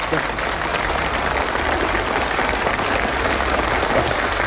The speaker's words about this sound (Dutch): Ja, applaus!